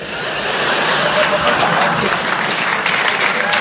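An audience claps steadily throughout, a dense wash of applause that swells slightly in the first second and holds at a full, loud level with no talking over it.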